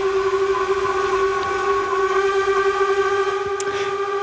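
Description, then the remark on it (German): The horn of the steamship Unterwalden, one of five steamships on Lake Lucerne (Vierwaldstättersee), sounds one long, steady blast, loud and unbroken, with a deep fundamental and a stack of bright harmonics, holding the same pitch throughout without any voices. “Das ist das Horn vom Dampfschiff Unterwalden.”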